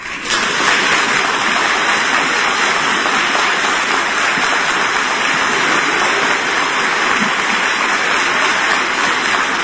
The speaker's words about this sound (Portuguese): Batam palmas.